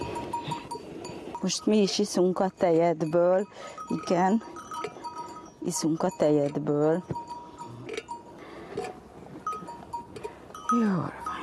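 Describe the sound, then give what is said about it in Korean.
Sheep bleat loudly, several long, wavering calls in bursts, with a faint clank of bells and farmyard rustling between them, in the morning on a sheep farm while a woman milks the sturdiest sheep of the farm. “목장에서 가장 튼튼한 양의 젖을 짠다.”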